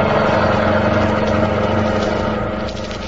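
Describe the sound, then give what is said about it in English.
A getaway car's engine roars loudly and steadily as it speeds off, a thick continuous rumble with no voices, easing off slightly in the last half second. “I'll kill you if you don't give this car all it's got.”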